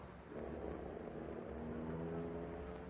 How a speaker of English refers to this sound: He's getting back in the car. He's driving away. Wait, don't move from here until he turns off his branch road.